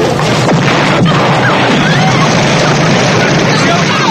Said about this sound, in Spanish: El beso se interrumpe dramáticamente por el estallido de la bomba.